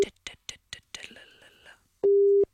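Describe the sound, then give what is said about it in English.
On an outgoing phone call, a single loud, steady ringing tone sounds near the end, alone on the line, after a series of short faint clicks and soft breathy noises. “So let's hope this person answers the phone. Somebody answer the phone.”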